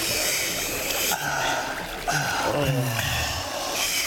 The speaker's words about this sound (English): 9,700 soldiers knelt down by the stream and put their mouths into the water to drink.